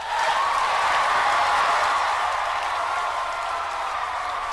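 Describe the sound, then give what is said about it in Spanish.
Steady applause from an audience for guests being introduced on a program, a dense wash of many hands clapping at an even loudness for several seconds, with no voices on top. “¡Aplausos para ellos!”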